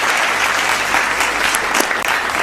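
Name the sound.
audience clapping hands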